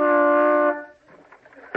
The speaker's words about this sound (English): Well, toot the horn. We'll see if he's home.